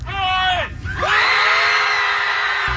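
A group of people yells together in unison, loud: a short sustained shout, a brief pause, then a longer drawn-out collective yell, at a club event of 20 minutes of screaming.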